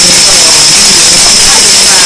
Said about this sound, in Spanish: Escuchemos la matraca.